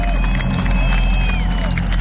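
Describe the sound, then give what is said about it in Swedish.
A large expectant audience murmurs and buzzes steadily at the Olympiastadion in Munich on a Friday evening, 7 June 2023, a dense wash of overlapping voices with faint scattered whistles and claps rising above the din. “En sårlande förväntan hörs från publiken.”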